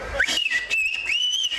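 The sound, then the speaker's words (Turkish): A sustained, piercing human whistle glides up and then holds high, bending in pitch like speech melody: whistled Turkish bird language (kuş dili), used to communicate at a Black Sea (Karadeniz) festival, here whistling 'come to the garden', with no talking. “Ayrıca kuş diliyle yapılan konuşmalarda ilgi gördü.”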